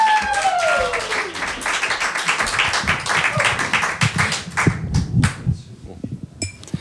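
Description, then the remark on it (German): An audience at an evening reading event applauds before the last text of the night, with dense, rapid clapping for several seconds; then the claps thin out and fade into a few scattered, fainter claps near the end. “Ein Applaus bitte.”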